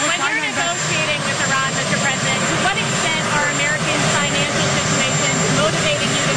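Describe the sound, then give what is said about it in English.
A loud, steady turbine roar with a high-pitched whine from Marine One, the US president's helicopter, running before takeoff as President Trump is about to board for Andrews, while several voices talk and shout over the din. “as he's about to hop onto Marine One, the helicopter that takes him to Andrews to get on Air Force One to go to Beijing.”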